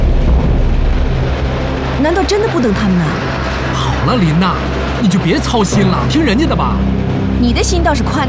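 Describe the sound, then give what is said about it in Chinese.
A steady, loud engine drone rumbles throughout, like riding inside a moving car, with voices talking over the constant hum. “他们靠着两条腿，怎么可能赶上这汽车轮子？”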